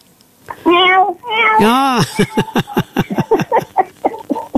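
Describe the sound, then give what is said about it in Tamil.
A kitten meows, several high, drawn-out mews with one long rising-and-falling cry, followed by a run of quick, clipped vocal sounds that may include people talking. “சரி, பூனைக்குட்டி எல்லாம் நல்லா இருக்குல்ல?”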